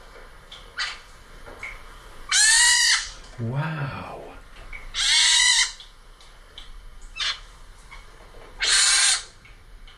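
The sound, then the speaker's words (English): Baby pine martens, a whole family in a woman's attic, give shrill, kitten-like squealing calls in three loud bursts, with softer chirps scattered between them, and a person briefly exclaims once partway through. Recorded on a phone around mid-May. “Baby pine martens. She had a whole family in her attic.”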